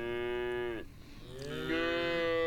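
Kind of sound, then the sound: animal, cows mooing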